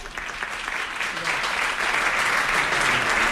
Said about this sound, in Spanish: Un segundo, un aplauso.